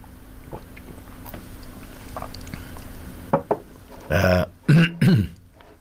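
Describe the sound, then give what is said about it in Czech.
Quiet background, then a few short slurping sips of tea followed by several loud, throaty bursts like swallowing and clearing the throat. No one speaks. “Pardon, já jen si trošku napiju našeho skvělého čaje.”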